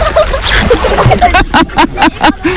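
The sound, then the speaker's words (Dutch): Water splashes and sloshes in a quick series of bursts as someone goes under, settling into a steady rhythmic churning near the end, with some faint voices mixed in. “Dan moet ze hij mij onder water gooien.”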